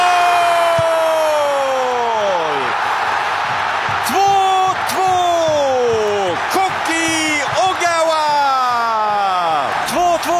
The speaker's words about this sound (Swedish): Japan kvitterar igen! Och vilket jubel på den japanska delen av läktaren! Och det förstår man ju eftersom vi är inne i den 88:e matchminuten!